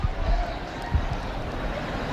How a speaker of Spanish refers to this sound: No sé si se oye este barullo, estos gritos de emoción. El Papa debe estar cerca.